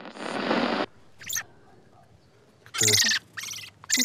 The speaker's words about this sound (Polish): Śpiewaki, czeczotki, kosy czy droździki. Łącznie policjanci zabezpieczyli prawie 500 ptaków. Wszystkie przetrzymywane w tragicznych warunkach.